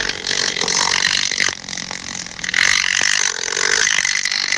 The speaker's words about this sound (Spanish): Y los machos tienen unas antenas con forma como de pluma o peine, muy largas, que a gran distancia pues pueden detectar esas feromonas y empiezan a dar vueltas alrededor moviendo las alas y hacen un ruido súper fuerte.